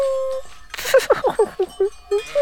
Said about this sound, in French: Quand toutes les cloches sonnent ensemble, cela fait un orchestre de cloches.